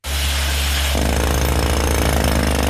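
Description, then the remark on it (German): Loud, continuous mechanical drilling into the rock and retaining wall below a restaurant terrace in Fribourg, done by a man of a construction firm roped down the wall, a steady hammering drone with a deep engine hum underneath that intensifies partway through. No voices. “An der Stützmauer und am Felsen unterhalb der Terrasse des Restaurant Trois Rois wird gebohrt.”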